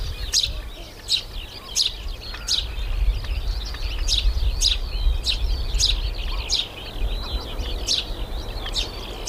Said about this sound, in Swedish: Men väldigt nice och står ute vid fyren. Solen skiner. Det blåser bara lite grann. Och man hör både småfåglarna i fyrträdgården. Okej, duvor också. Lärkan uppe i skyn. Och så strandfåglarna liksom runt omkring.